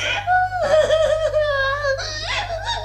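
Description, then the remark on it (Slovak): A person cries in high, wavering, drawn-out wails broken by short sobbing catches, loud and continuous for a few seconds with no words spoken. “Ty plačeš.”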